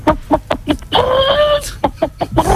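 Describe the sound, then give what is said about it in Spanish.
A person imitates a hen laying an egg: a run of short, clipped clucks, then a long drawn-out squawk, then more rapid clucks, loud. “Sí, sé alguno más, por ejemplo, la gallina. A ver. Cuando está ya deponiendo.”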